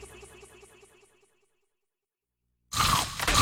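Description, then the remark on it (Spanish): A loud, crackling crunch of a Maní Cracks peanut snack from La Especial being bitten bursts in after a brief silence, following a short run of soft, rhythmic pulsing tones that fade away. “Prueba ya Maní Cracks de La Especial y descubre el sonido de la crocancia.”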